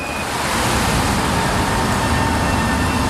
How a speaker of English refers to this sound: The stop is on the Hlávka Bridge, which spans the Vltava or the Moldau River across Štvanice Island. What you can probably hear in the background is the sound of one of the weirs.